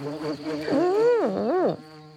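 A housefly buzzes around a slice of bread with cheese at a picnic, a steady drone that rises and dips in pitch as it circles, swooping loudly for a moment before cutting off abruptly.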